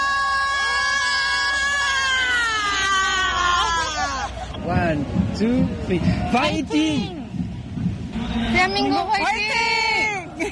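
A fan screams with excitement: a long, shrill, high-pitched wail that breaks into wavering, rising and falling shrieks over a background of crowd noise, loud and close to the microphone.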